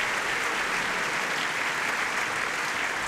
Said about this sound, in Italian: ecco che entra …. Sì, e senti gli applausi, sempre diciamo di apprezzamento per ….